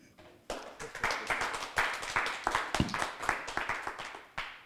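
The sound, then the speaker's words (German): An audience breaks into applause after a reading, a dense patter of many hands clapping that holds steady for several seconds, with a brief lull before a final burst. “Das Publikum freut sich auch.”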